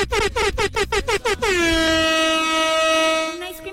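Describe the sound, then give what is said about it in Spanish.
A loud horn blasts in a quick burst of short honks, then holds one long, steady blare that dips slightly in pitch before cutting off, with no talking over it. “Ya llegó el claxon.”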